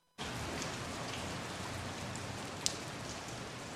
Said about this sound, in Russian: Новый день начался дождем. Прямым, сплошным и спокойным.